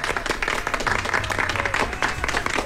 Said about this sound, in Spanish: Vamos a dar un aplauso, por favor, a Leti.